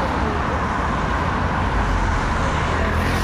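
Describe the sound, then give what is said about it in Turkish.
A steady, dense roar of road traffic at Kedit Junction in Kırıkkale, Turkey, on the routes toward Ankara and Samsun: many vehicles rumbling together in a constant, loud wash of engine and tyre noise, with no single car standing out. “Ankara ve Samsun istikametinde iki gündür yoğunluk var. Yol üzerinde zaman zaman meydana gelen kazalar da oldu. Trafik akışının yavaşlamasına neden oldu.”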